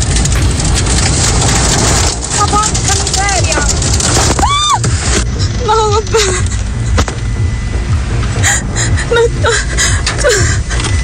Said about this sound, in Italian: C'è una tromba d'aria.